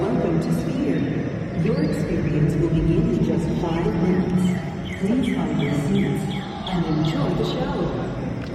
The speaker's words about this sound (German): Ja, man hört da Vögel zwitschern.